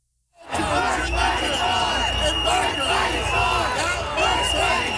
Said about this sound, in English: So they're yelling, "Worth fighting for." They chanted the entire time that Premier Doug Ford was on stage, pretty much drowning him out.